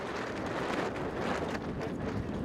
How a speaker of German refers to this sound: Wir sind ja losgefahren bei 15 Knoten Wind. Und wir haben jetzt gerade 22 Knoten Wind. Knapp 50 km/h.